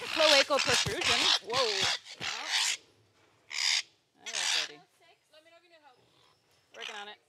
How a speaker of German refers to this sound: Nur wenn die zwei in der Lage sind, Papageien einzufangen, die zur Beringung von einem Käfig in den nächsten gescheucht werden, sind sie eine echte Hilfe.